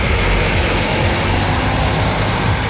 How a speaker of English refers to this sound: Elsewhere, last night in Merseyside, these buses bringing 20 people back home.